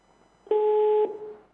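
A telephone busy tone as a caller's line to a live call-in program disconnects: one loud, steady electronic beep lasting about half a second, then a brief fading tail, with no voices.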